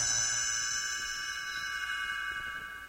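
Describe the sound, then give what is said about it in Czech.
A small bell rings once, a bright, high chime whose clear tones hang and slowly fade over a few seconds. No voices accompany it. It is the signal to turn the page in a read-along storybook. “Stránku obraťte až tehdy, když zazní tento zvoneček.”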